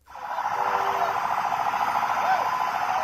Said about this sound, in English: Sounds from a parade in Baghdad today, National Sovereignty Day, 4 days actually, marking the withdrawal of the last of the U.S. troops.